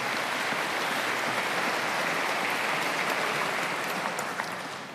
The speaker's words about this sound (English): I think they deserve a round of applause as well.